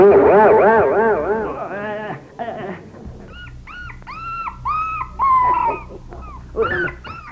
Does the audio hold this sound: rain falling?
no